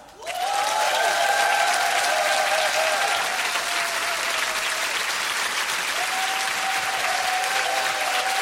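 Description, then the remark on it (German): Loud, sustained applause from the audience of an MTV Unplugged show welcoming guests two singers, a dense steady wash of clapping that starts abruptly and holds at full strength throughout, with a few faint whistles or cheers riding over it. “Einen großen Applaus für ….”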